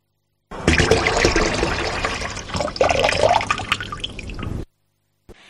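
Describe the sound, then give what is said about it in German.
A water tap runs steadily for about four seconds, a full splashing stream with shifting gurgles, then shuts off abruptly into silence. “Zu hören gab es einen laufenden Wasserhahn.”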